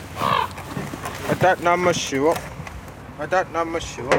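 Ravens sitting on rooftops in Greenland give harsh, croaking calls several times, each a short throaty burst with gaps between, over a steady outdoor background rumble.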